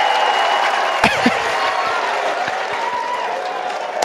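A large stadium crowd at a baseball game between West Virginia and Kentucky roars steadily, fans cheering and screaming at the Kentucky dugout, loud and continuous throughout, broken by a single sharp crack about a second in.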